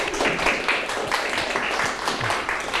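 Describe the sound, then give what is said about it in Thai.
A group of students claps for a classmate who has just finished speaking, a steady patter of many hands lasting a few seconds at fairly even loudness, with no voices standing out. “โอเคขอบคุณครับเก่งมากๆเลยปรบมือเพื่อนหน่อย”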